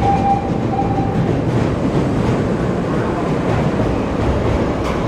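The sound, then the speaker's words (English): A heavy elevated train of wood and metal rumbles steadily through a city, a dense low-frequency roar with rattling metal and vibration reflecting off the buildings, while a thin high ringing brake squeal rings out briefly near the start. “you really get a sense of the lumbering weight of the train, the wood and the metal.”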